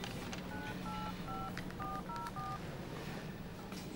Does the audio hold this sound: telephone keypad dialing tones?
yes